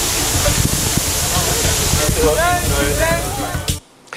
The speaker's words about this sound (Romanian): Canicula a lovit și Germania. În centrul Berlinului, jandarmii au folosit tunurile cu apă să răcorească oamenii.